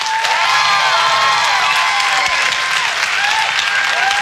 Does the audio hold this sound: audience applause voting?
yes